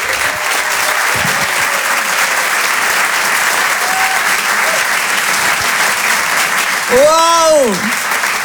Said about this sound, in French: Je vous demande de l'encourager, de faire un maximum de bruit, un tonnerre d'applaudissements s'il vous plaît